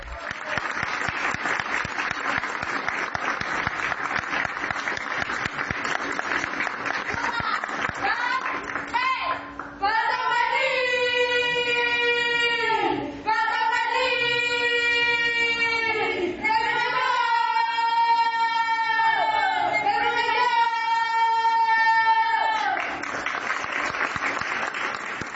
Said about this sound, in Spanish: Son los niños gritones de la Lotería Nacional que también rindieron homenaje al Merlín. Pato Merlín.